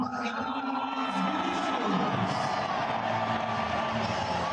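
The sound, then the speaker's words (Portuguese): A large stadium crowd applauds and cheers a player's introduction in a steady, loud roar, with scattered shouts and whistles rising over the dense mass of noise for the whole stretch. “Ao lado do Kahneman, mais aplaudido.”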